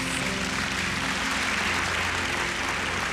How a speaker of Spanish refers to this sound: Decimos amén y le invito a dar palmas al Señor.